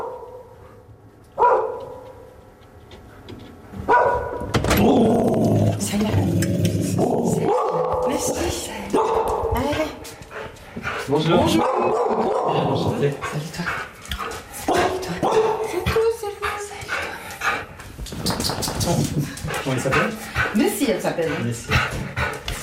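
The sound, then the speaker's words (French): A female dog named Messi, lying by a window, barks in loud, close bursts and whimpers between them, the yelps and whines coming irregularly over about twenty seconds, with people's voices faintly mixed in. “Elle fait pas très chienne garde.”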